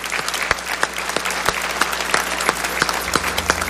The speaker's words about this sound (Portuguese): Podemos dar uma salva de palmas para estes irmãos?